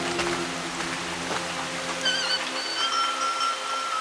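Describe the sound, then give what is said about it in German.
Heavy rain pours down in a steady, dense hiss that fills the whole recording, with a thin high-pitched cry drifting over it in the second half. “Ist schon nicht ertrinken, auch wenn es so stark regnet.”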